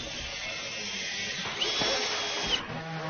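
A power drill whirs in one short, steady burst of about a second over a noisy outdoor construction-site background. It is moderately loud. Eighth-grade students of the Gemeinschaftsschule Mölln in Schleswig-Holstein are building a 21-square-metre Tiny House on a meadow as a mobile classroom.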